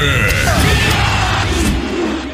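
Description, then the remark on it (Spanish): A loud Mexican grito in a promo for the radio station La Tremenda: one long celebratory yell with a wavering, warbling pitch that carries for about two seconds before trailing off. “¡Grita fuerte! ¡Grita México!”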